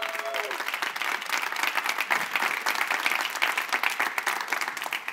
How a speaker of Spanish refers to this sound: Yo creo que tú le puedes dar un mejor aplauso a Dios.